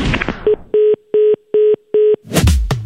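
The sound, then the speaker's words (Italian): A dropped phone line to a radio correspondent reporting from Veneto: five short, loud beeps at an even, quick rhythm, with brief muffled noise just before and a burst of rustling right after. “Ecco, purtroppo è caduta la linea”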